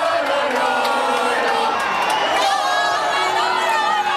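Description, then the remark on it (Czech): A large crowd of football fans supporting Spain chants the names of Spanish players and cheers together, a dense, sustained roar of many voices with rising melodic shouts, loud and continuous throughout. “Fanoušci skandovali jména španělských fotbalistů a posilňovali svou víru ve vítězství pivem, červeným vínem s citronádou a společnými pokřiky a popěvky.”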